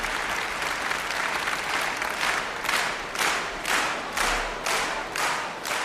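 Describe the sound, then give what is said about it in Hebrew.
Sustained, stormy applause from a large audience at an Independence Day celebration in Jerusalem fills the whole stretch, a dense wash of clapping that swells in steady rhythmic pulses, almost like synchronized clapping, with no voices standing out. “הקהל פשוט לא נרגע.”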